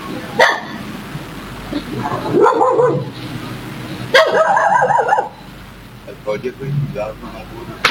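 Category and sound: animal, agitated dogs barking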